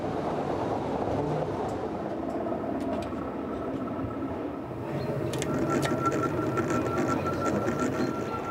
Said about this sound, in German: muss aussteigen und das Gleis stellen. Das geschieht mit einer Schiebebühne.